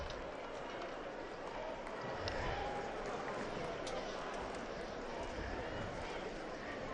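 A large crowd of pilgrims at Castel Gandolfo chants and cheers "Viva il Papa" in acclamation of the Pope, a dense, steady roar of many voices holding at a constant level for several seconds with no single voice standing out.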